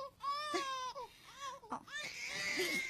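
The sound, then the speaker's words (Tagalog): A baby cries in a few short, strained wails, each rising and breaking off before the next, with a fussy, sobbing edge toward the end. “Oo, nga nga naghihibi ka.”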